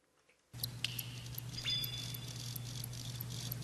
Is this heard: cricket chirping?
yes